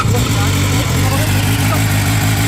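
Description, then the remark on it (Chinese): A loud motorcycle with a modified exhaust idles without the throttle turned, started by its owner for police at a roadside stop near the Jinglan water base in Chengzhong District; its deep, throbbing rumble is steady and unbroken throughout. “你在未拧动油门的情况下，排气的声音都到这个程度了，你觉得夜晚驾驶这辆车出来会不会造成扰民的影响？”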